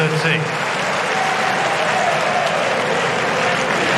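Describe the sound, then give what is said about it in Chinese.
A large home crowd at a tennis match bursts into sustained applause after Sinner wins a point with a crosscourt short ball, a dense, steady roar of clapping and cheering that stays loud and even for the full four seconds. “斜线的短球，这个短球的制胜分啊，也引爆了现场观众的热情。”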